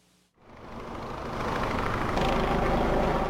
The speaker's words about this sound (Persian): صدای چرخش هلیکوپترها بر فراز منطقه، نخستین نشانه ای که به باشندگان یک محله آرام در شهر اوتسونومیای ژاپن هشدار داد اتفاق غیرعادی در جریان است.